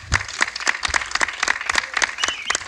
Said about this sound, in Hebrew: לפני הכל, בואו נזמין אל הבמה לדברי ברכה לתושבי העיר ולמאזינים שלנו את סגן ראש העיר, הרב אלדד גדס. ייתנו לו כפיים, בבקשה.